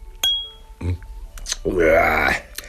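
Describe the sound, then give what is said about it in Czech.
A single bright clink of glasses of cognac touching in a toast to further successes, its high ring fading quickly, followed by a voice speaking in a rising, drawn-out tone. “Zapijem to. Tak, na další úspěchy.”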